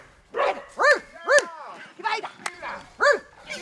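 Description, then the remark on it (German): A female dog trainer imitates a dog's barking to encourage a hunting dog approaching fenced-in wild boars during training, giving about seven loud woofs and yelps in a quick, uneven series with brief gaps between them. “Das Bellen, das zu hören ist, kommt von Hundetrainerin ….”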